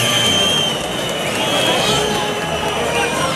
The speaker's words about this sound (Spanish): Que sí se lleva los pitos es el toro, ¿eh? Se lleva una pitada el toro sobrero monumental.